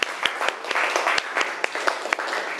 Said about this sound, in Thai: ขอเสียงปรบมือให้เพื่อนจากกลุ่มที่2นะคะ